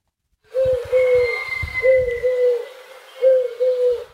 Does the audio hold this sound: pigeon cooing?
yes